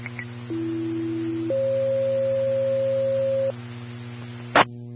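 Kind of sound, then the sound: signal or alarm, fire dispatch alert tones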